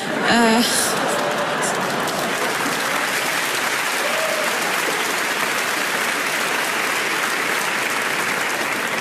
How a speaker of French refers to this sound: Ceux qui applaudissent, c'est les Lillois.